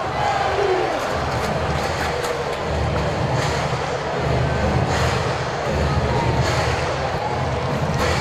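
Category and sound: crowd, baseball stadium crowd cheering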